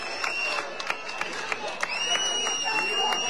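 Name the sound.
applause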